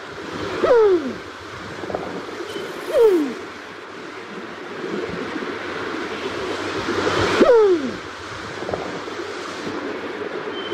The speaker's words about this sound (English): Coming up to the bird, very, very occasionally we see one of these in central Auckland. Quite bizarre when it turns up. Beautiful. Kereru. The New Zealand pigeon.